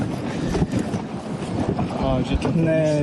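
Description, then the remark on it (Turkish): A rescue team's boat moves across the lake of Sazlı Bosna Dam in Arnavutköy toward a wooded area in the middle, to free a cormorant caught in fishing line and nets: steady, loud rushing of water and wind buffeting, with a humming, motor-like tone that rises and sustains in the final second. “Ekipler bota bindi, gölün ortasındaki ağaçlık alana doğru ilerledi.”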